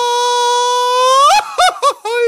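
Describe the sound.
A single voice lets out a mariachi grito: a long, loud, sustained high yell that breaks into several quick warbling yelps, alone.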